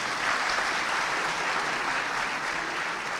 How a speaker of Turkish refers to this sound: On var mı? On da var. Ondaki on kardeşler bir alkışı hak etmiyorlar mı?